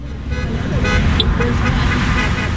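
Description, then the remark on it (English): Car horns honk in a couple of sustained toots over a steady, loud rumble of idling and passing rush-hour traffic backed up at a traffic light near a gas station, with faint voices in the background. “There's a gas station nearby, it's rush hour, and cars are backed up at the light.”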